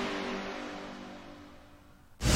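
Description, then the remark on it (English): A cold diesel engine trying to start churns with a steady, rough mechanical drone that slowly fades, then a sudden loud burst of noise cuts in at the end, with no one talking. “Do you sound like a cold diesel engine trying to start when you sleep?”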